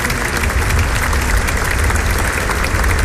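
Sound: audience applauding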